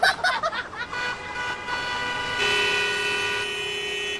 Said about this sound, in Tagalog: Grabe, gid kayo ka-traffic. Oh, traffic, gid kayo in town. Ginoo ko, hi. Grabe na yung ka-traffic sa dalan.